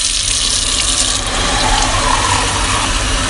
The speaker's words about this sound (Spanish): por ejemplo, también el agua que sale del grifo.